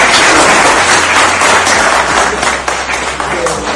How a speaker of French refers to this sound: Félicitations à vous. Ça s'applaudit.